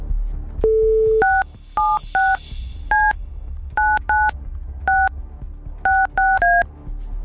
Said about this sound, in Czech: Točil jsem telefonní číslo někoho z vás, kdo jste nám poslali SMSku s informací, co chcete proplatit. Na to správné číslo, to znamená na to naše číslo.